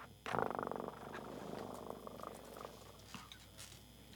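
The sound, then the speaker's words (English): A cat purrs, a steady rumbling purr with a stronger burst at the start that settles into a softer, continuous drone. No one speaks. “Oigo a mi gato ronronear.”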